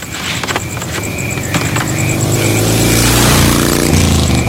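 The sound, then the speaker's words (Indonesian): A motorcycle ridden fast at night in a village revs and roars loudly, its pitch climbing and sweeping as it speeds past, with a steady high whine over dense low rumble throughout. “Malam-malam naik motor kok ngebut?”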